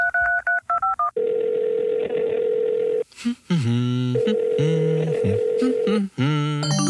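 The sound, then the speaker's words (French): A phone call to a friend: a quick run of telephone keypad dialing tones, then a long steady ringing tone on the line, followed by a voice speaking while the tone continues in bursts. “Je vais l'appeler maintenant.”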